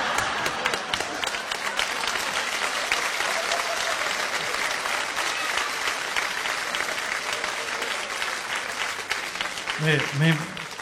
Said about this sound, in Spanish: No sé qué quiere, que le hagamos un aplauso, un minuto de silencio, lo que quiera, lo que quiera.